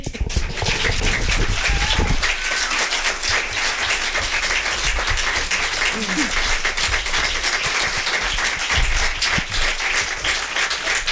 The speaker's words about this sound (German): Ja, dann überspreche ich den Applaus den Berechtigten jetzt nochmal.